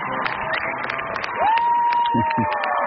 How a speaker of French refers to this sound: Sterling Naza a évidemment une salve d'applaudissements rien que pour lui.